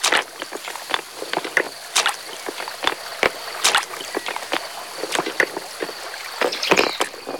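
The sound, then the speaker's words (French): Footsteps crunching and clacking over river pebbles as someone jumps from pebble to pebble going up a river, a quick, irregular series of sharp stony knocks over a steady, faint high hiss, with no voices. “Pour remonter la rivière, il suffit de sauter de galet en galet.”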